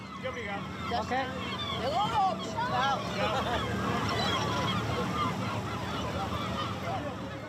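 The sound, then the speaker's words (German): Seagulls call again and again, harsh squawking cries overlapping one another over a steady murmur of voices and background hubbub, fairly loud throughout. “weil immer nur sie von den Möwen getroffen wird.”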